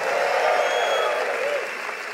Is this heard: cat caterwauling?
no